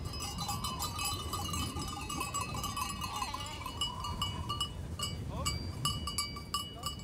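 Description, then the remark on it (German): A herd of goats arrives during the drive up to pasture, many bells clanking and jangling continuously, occasional bleats rising over the steady metallic chorus, with a faint voice in the background. “ist inzwischen mit seiner Ziegenherde eingetroffen.”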